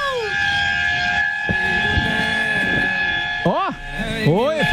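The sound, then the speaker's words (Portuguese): A car horn honks on the Marginal Tietê heading toward Castelo Branco, blaring continuously in a steady, multi-toned chord, and near the end rising and falling wavering tones sound over it. “Uma buzininha aí pra alegrar o ambiente.”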